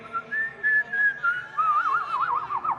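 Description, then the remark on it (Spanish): A person whistles an imitation of a goldfinch call: a few clear, steady high notes, then a fast warbling trill that wavers up and down, bright and fairly loud. “Es un jilguero.”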